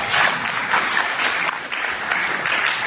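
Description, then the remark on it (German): Sustained applause from an assembly audience after the election results for board members are read out, a dense, steady patter of many hands clapping together at even loudness throughout, with no voices standing out. “Applaus.”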